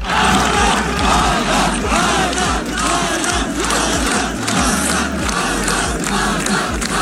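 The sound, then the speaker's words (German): A large crowd of spectators chants a runner's name in unison at his finish at the Santa Monica Pier in Los Angeles, after his 600-kilometre run through Death Valley: a loud, dense roar of many voices rising and falling in a steady repeated rhythm. “Und eben auch alle Zuschauer haben dann seinen Namen im Chor gerufen.”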